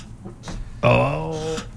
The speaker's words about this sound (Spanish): Esa silla suena porque hay exceso de chaparrita.